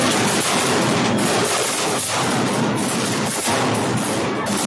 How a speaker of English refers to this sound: there was a thing, in El Burgo, a municipality in Malaga, many of you will know it. And this is, it's a 7-meter figure sort of hanging up, and it had 14 kilos of gunpowder in it, in El Burgo. And everybody in the town is cheering.